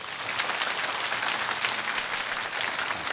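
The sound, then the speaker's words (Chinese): Students in a classroom clapping together for a classmate during a Chinese literature lesson, a dense, steady patter of many hands that holds at an even level for a few seconds, lively with no voices over it. “好，他们赶紧把掌声送给他啊！”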